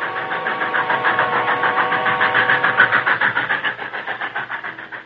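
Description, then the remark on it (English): A distant passing westbound train, its steady rhythmic chugging pulsing rapidly and evenly at moderate loudness, with a low mechanical rumble underneath and no voices. “They heard the distant sound of a passing train and paused.”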